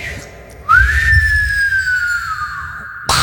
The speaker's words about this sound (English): That was great. That was good. That's because he can whistle. That was good.